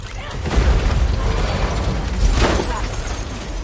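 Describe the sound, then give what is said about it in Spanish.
A heavy 4x4 vehicle lurches and collapses with deep, rumbling crashes, then a second loud impact as a fuel can smashes through the windshield, all loud with no talking. “El vehículo se desploma y la lata de combustible cae por el parabrisas destrozado.”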